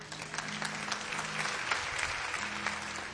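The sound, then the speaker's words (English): Scattered applause from a small part of a church audience, uneven individual claps continuing steadily for a few seconds at moderate volume, with a faint low hum beneath. “5% of the people are clapping.”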